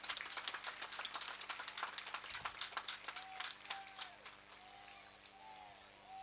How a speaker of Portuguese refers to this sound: Vou pedir uma salva de palmas aos nossos pais encarregados de educação.